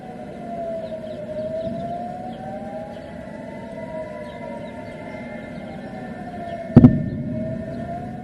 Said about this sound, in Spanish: Las sirenas también resonaron en la ciudad de Jerusalén.